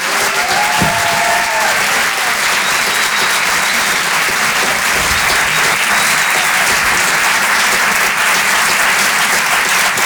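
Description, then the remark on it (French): Loud, sustained applause from a large audience at the Rire et Chanson Comedy Club at the Apollo Théâtre in Paris, welcoming comedian Anne Roumanoff, a dense steady wash of clapping that holds at full strength for about ten seconds, with a brief whistle near the start. “Je vous demande d'applaudir très chaleureusement, s'il vous plaît, sur Rire et Chanson, Anne Roumanoff.”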